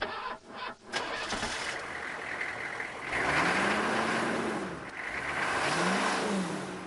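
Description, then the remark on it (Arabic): The engine of an early Benz motor car sputters and catches, then runs with a rough, rising and falling hum that swells twice as it revs, steady. “أتسمعين هذا الصوت؟ كلما دار المحرك شعرت أن الطريق نفسه سيستيقظ.”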